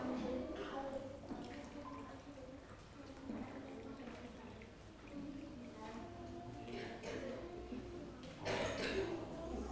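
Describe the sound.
Water pours from a jug into a glass in a steady, close trickle with a few drips, while voices murmur faintly in the background.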